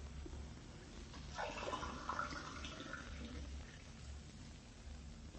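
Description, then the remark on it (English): Water runs briefly from a tap for a drink of water, a soft splashing stream that swells for about two seconds and then trails off, heard faintly over a low background hum with no one talking. “could I have a drink of water?”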